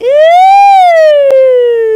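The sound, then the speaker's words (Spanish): An ambulance siren sounds loud in a single long wail, rising slowly and then sliding back down in pitch, with a brief sharp click partway through and no talking. “Ay, parecía ambulancia.”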